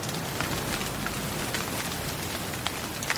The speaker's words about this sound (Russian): Ой, какой дождь! Так и не погуляли.